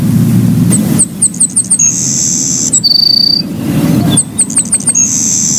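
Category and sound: bird, savannah Sparrow song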